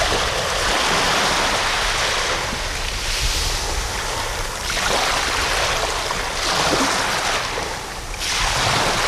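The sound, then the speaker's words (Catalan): Sea waves break on the shore at the beach in l'Escala, Alt Empordà, in steady, rolling surges, a broad continuous wash of surf that swells and recedes every couple of seconds, with some wind buffeting the microphone and no voices. “ets a tocar de mar, eh?”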